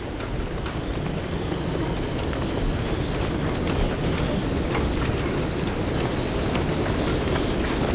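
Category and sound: nature, storm wind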